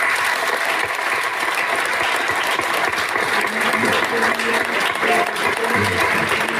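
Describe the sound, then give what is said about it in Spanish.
A large audience claps steadily and loudly for several seconds in memory of departed members of the comparsa, a dense sustained wash of applause with no pauses from start to finish. “Un fuerte aplauso en su recuerdo.”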